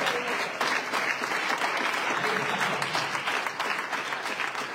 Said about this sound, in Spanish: Al Señor ese aplauso.